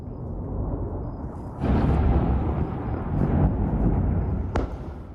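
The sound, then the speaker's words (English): A series of overnight explosions in southern Lebanon, around Ali Tahir Heights near the city of Nabatea, booming over a steady low rumble: a heavy blast swells up partway through, and a sharper crack follows near the end. No voices are heard. “There have been a series of explosions in southern Lebanon overnight.”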